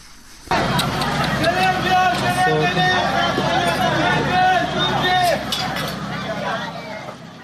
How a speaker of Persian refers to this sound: این صداها نخستین دقایق پس از وقوع انفجار در یک مراسم عروسی در سیریک را ثبت کردند، جایی که بنابر گزارش هلال احمر هرمزگان در جریان حملات هوایی آمریکا ترکش‌های یک موشک به آن اصابت کرد.